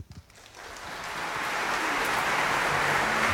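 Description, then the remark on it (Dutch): Concert audience applause for Raphaël Pichon, Stéphane Degout and the ensemble Pygmalion swells quickly from a brief quiet moment into a dense, steady wash of clapping that keeps building in loudness, with no voices standing out. “Nou, en daar is het applaus.”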